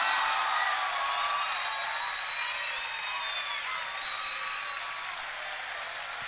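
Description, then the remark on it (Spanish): An audience applauds a guitarist being introduced, steadily for several seconds, a dense, hissy wash of many hands clapping at once that stays fairly loud and even throughout, with no talking over it. “Quiero pedir un fuerte aplauso”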